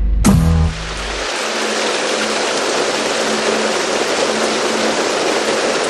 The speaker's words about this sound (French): La pluie s'est mise à tomber ici au studio Boucan.